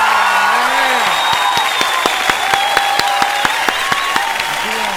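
Steady applause from a crowd for a couple celebrating their wedding anniversary, dense and continuous throughout, with sharper individual claps standing out and some whoops and cheering mixed in.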